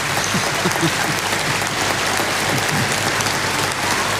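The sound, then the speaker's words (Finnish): Dense, sustained applause from a large audience giving a standing ovation fills the whole stretch, steady and loud, with scattered cheers and voices rising within the clapping. “Yleisö hurraa seisaltaan.”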